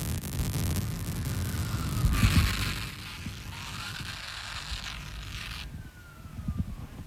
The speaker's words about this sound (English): It was just a siren. Right. The cops are coming. Not for me, though.